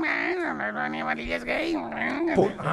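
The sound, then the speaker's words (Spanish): A human voice imitates a cat, drawing out a series of wavering, whiny meow-like cries over a few seconds, loud, with pitch rising and falling throughout. “El gato maullaba así.”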